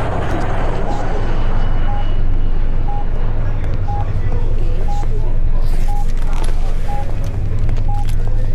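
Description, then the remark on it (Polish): Passengers boarding a vehicle after its doors are opened: murmuring voices and shuffling movement over a steady idling engine hum, with a short, evenly spaced beep sounding about once per second throughout. “Właśnie słychacie, jak ludzie wsiadają.”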